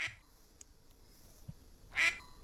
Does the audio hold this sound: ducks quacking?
yes